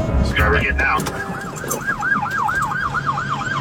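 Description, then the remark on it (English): A police car siren yelps in fast, steady up-and-down cycles, loud, over a low rumble of traffic and engine noise, with a burst of muffled commotion just before it starts, as police chase and pull over a car. “I don't know if there's cursing, but I have the video of him getting pulled over. The cops chased him.”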